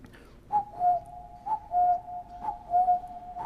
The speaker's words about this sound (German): Ja, den Kuckuck haben Sie rausgehört.